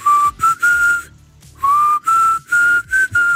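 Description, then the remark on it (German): A person whistles a short melody alone, fairly loud, in a series of clear sustained notes with brief pauses, one longer break midway before the tune continues. “Ihr pfeift diese paar Tönchen hier. Ich hoffe, ich krieg's jetzt halbwegs hin.”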